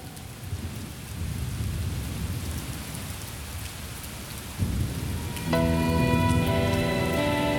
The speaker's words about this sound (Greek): Έβρεχε. Έβρεχε πολύ.